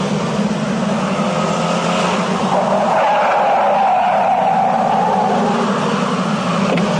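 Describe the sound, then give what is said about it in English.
A driverless taxi cab rolls up, its engine rumbling steadily with a drawn-out whine of tires midway as it slows to a halt; no one speaks. “Are you one of those driverless cars?”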